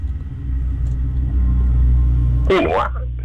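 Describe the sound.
A heavy lorry engine rumbles steadily and deeply throughout, fairly loud, with a brief burst of voice-like sound breaking over it near the end.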